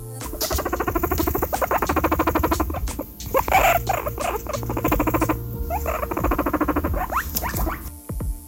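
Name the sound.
guinea pig squeaking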